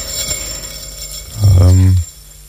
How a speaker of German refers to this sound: Also stehen tut bei mir, das ist die Töpferscheibe. Töpferscheibe. Ja, na, also die Scheibe ist ja, läuft ja heute mit dem Motor. Früher sind die mit Füßen angetreten worden.